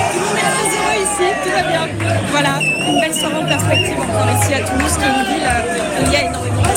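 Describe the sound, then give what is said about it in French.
A dense crowd of fans shouts and chants continuously, with many overlapping voices, whistles and bursts of cheering forming a loud, steady roar all around, celebrating Spain's victory with Spanish flags at the Boca, a Franco-Spanish bar in Toulouse. “Voilà, vous l'entendez autour de moi, ça crie, ça chante.”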